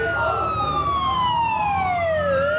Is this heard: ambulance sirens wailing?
yes